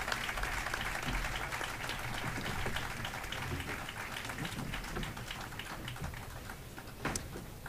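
An audience claps steadily for several seconds, a dense, crackling wash of many hands with no voices on top, holding at an even loudness throughout.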